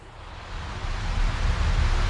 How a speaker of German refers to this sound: Was ist das, ein Ventilator? Ah, oh, der Wind von einem Ventilator. Miefquirl, sagt mein Papa immer. Also ich finde es toll, vor allem, wenn er sich dann so ganz, ganz langsam zu dir dreht